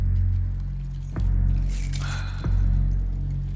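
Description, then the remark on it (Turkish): A bunch of pickup truck keys jangles briefly in the middle as they are handed over, a bright metallic rattle set between two sharp clicks, over a steady low rumble and with no one speaking. “Kamyonetinin anahtarlarını bana ver.”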